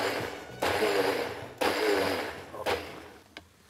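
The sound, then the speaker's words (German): A blender pulses in three short, loud bursts of about one and a half seconds each, blending ingredients with double the amount of water, its motor whirring and grinding with sharp starts between pulses, with no voices. “Und dann in den Mixer. Ja. Wirklich nur immer für so eineinhalb Sekunden. So pulsmäßig, ne?”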